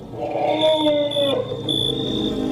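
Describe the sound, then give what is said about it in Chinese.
A herd of several dozen elephants approaching from afar, migrating from the desert southwest of the delta, with a drawn-out, slightly falling tonal call in the middle over a steady rumble of low noise and a faint high whine; no one speaks. “远处走来一群大象，”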